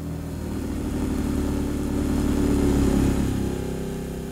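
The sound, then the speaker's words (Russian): A car engine hums steadily, swelling slightly louder before easing off as the vehicle pulls away. No voices, just the low, even drone of the motor. “Кто это сейчас на машине уехал?”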